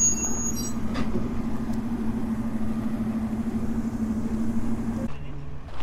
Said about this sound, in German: Und zu dem Ensemble alter Eisenbahnfahrzeuge gesellen sich auch alte Straßenfahrzeuge. Da fährt so ein Hanomag mit Holz rum. Oder ist es ein Unimog? Es ist ein Unimog, okay.